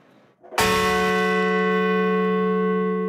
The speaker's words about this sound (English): Outside Shanksville, Pennsylvania, bells tolled for the 40 passengers and crew of Flight 93.